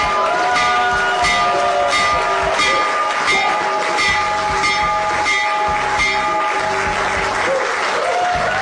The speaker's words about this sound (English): All right, that was this morning in the Oval Office. President Donald Trump ringing the bell for the New York Stock Exchange and the NASDAQ to open up trading